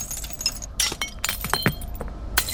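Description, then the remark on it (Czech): Glass clinks and rattles in several bright, sharp bursts as fluorescent tubes and light bulbs shift against each other at a large dump of about 600 tonnes of tubes and bulbs, with a low rumble of outdoor background. “A my jsme se teď ještě přemístili k velké skládce zářivek a žárovek.”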